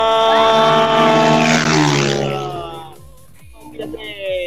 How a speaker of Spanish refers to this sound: Si viene otro moto, vamos a ver. Sí, señor, ahí está.